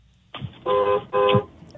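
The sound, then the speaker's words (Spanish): A car horn honks twice in quick succession, two short, loud blasts with a brief gap between them and no talking. “A ver, toca la bocina ahí. A ver cómo suena eso.”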